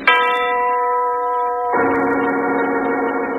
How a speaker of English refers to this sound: The voice of the giant, the huge tower clock that overlooks the strange house in the country